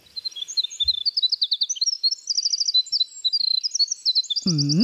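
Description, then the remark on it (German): A winter wren sings a long, rapid, high-pitched song of tumbling trills and twittering notes, continuous; a low voice cuts in briefly at the very end. “Das ist zum Beispiel der Fall bei Winterzaunkönigen.”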